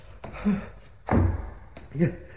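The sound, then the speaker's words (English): A heavy, locked wooden door to a bell tower is shoved three times, each push landing as a dull thud with a rattling knock, while a voice strains between the blows. “The door to the bell tower itself. Oh, God, I can't look down. I cannot look. It's locked.”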